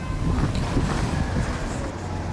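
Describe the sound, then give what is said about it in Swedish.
A steady, loud rumble of busy city street traffic in front of Ålandsbanken, with a broad wash of engine noise and a windy hiss, continuous throughout with no voices and no distinct individual sounds standing out. “nu att det låter ju faktiskt som en riktig storstad här fullt med trafik och liknande.”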